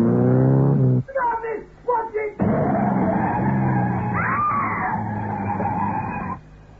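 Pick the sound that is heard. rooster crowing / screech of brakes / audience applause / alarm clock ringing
screech of brakes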